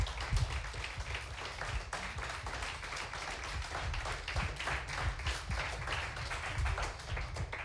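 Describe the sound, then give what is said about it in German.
An audience applauds steadily as the finalists of a contest are called to the front, many hands clapping in a dense, continuous patter that stays fairly even in loudness throughout, with no voices heard over it. “Dann bitten wir unsere Finalisten nochmal unter Applaus hier nach vorne.”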